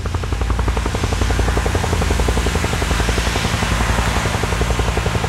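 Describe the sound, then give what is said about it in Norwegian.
A helicopter carrying a photographer who is filming flies over Utøya, thundering steadily overhead, its rotor producing a rapid, continuous chopping pulse with a deep engine drone, loud and sustained throughout with no voices. “Meter over Utøya flyr et helikopter.”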